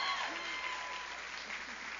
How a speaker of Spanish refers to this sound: Bueno, si ese aplauso es para Dios, yo creo que Él se lo merece mucho más fuerte. Vamos. ¿Qué pasa? ¿No han comido? Vamos, dele la mejor bulla al Rey de Reyes, al Señor de Señores, al Rey de Gloria.